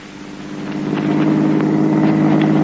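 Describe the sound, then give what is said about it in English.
A steady, droning car engine hums along as the car heads for the Sansun Hills, growing slightly louder in the first second and then holding an even, continuous rumble. No voices are heard over it. “Come on, let's join in the car.”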